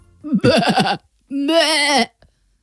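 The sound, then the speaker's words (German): A person imitates a lamb's bleat in two calls: a short, quavering, pulsing cry, then a longer, steadier, trembling one after a brief pause. Both are clear, with no talking. “Es ist ja ein Lämmchen, was du machst.”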